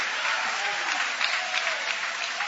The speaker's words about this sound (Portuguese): Pode tomar o vosso assento, guarda a Bíblia com carinho e podem aplaudir a Deus também com alegria.